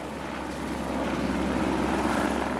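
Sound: helicopter flying overhead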